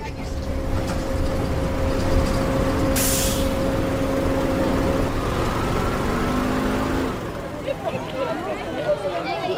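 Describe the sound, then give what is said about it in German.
A bus engine drones steadily with a sharp hiss of air brakes releasing as a group rides the bus together after school, then the rumble drops away near the end as people talk in the background. “alle trafen sich nach der Schule, um gemeinsam mit dem Bus zu Peters Haus zu fahren”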